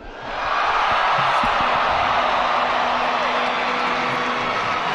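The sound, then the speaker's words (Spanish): A large crowd of young people cheers and shouts for Jesus Christ at the start of the Jubilee of Hope, a dense roar of many voices swelling in within the first half second and holding loud and steady throughout, with occasional whoops rising above it. “Y hoy sus voces, su entusiasmo, sus gritos, que todos son por Jesucristo y los van a escuchar hasta el fin del mundo.”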